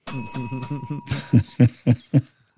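A bright bell sound effect rings with sustained, shimmering tones for about a second, then four evenly spaced, punchy hits follow before it fades into quiet.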